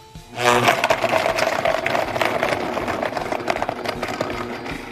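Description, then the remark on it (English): A blender motor kicks in abruptly and runs at a steady, loud whir, its grinding, churning texture holding constant for several seconds with no voices over it, as it blends a smoothie of coconut, mango, black pepper, agave and oat milk. “And then we blend it up.”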